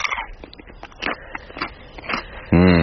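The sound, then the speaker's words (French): Crisp crunching as someone bites into a fresh chili pepper, a few sharp snaps followed by chewing, before a voice begins speaking at the end. “Bien sûr qu'on peut en croquer, évidemment.”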